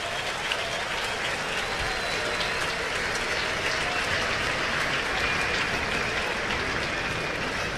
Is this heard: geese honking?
no